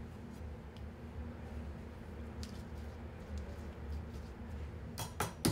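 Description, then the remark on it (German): A chef's knife butterfly-cuts pieces from a trimmed pork loin for Franconian cordon bleu, with soft, wet cutting sounds and faint clicks, ending in two sharper taps against a board, all over a low, steady background hum. “Aus ihm trennt er schöne Stücke per Schmetterlingsschnitt heraus.”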